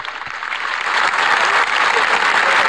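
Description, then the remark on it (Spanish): Steady, dense audience applause for Máximo fills the whole stretch, a loud continuous patter of many hands clapping that swells slightly after the first second and holds without pause. “Aplaudían a Máximo, ¿eh?”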